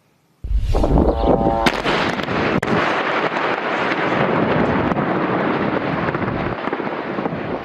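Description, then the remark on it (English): A heavy blast bursts in suddenly, followed by a sharp crack, then a sustained, loud roar of rumbling explosions and artillery fire from Israel's military operations in Lebanon that continues without pause. No one speaks. “You are hearing the sounds there of Israel's military operations in Lebanon.”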